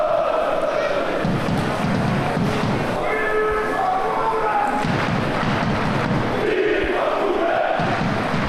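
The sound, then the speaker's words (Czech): About 200 Hradec Králové football fans, beyond the Arctic Circle, chant the names of two players loudly in unison after the match, sustained rhythmic shouted calls rising and falling over a constant roar of stadium noise, with occasional thuds underneath. “Fanoušci Hradce Králové, kterých za polární kruh dorazili asi 200, po zápase jména obou hrdinů vyvolávali.”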